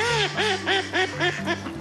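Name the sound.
duck quacking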